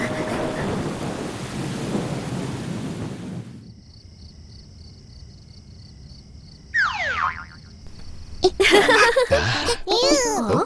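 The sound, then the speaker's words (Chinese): A loud, broad rumble of thunder, a sign that rain is about to come, rolls for a few seconds, then cuts off, giving way to a steady high tone and bright, cartoonish sweeping effects with brief voices. “打雷了，打雷了！ 看来马上要下雨了， 我们还是赶紧回家吧。”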